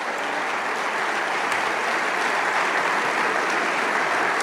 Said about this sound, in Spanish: Vamos, dale ese aplauso.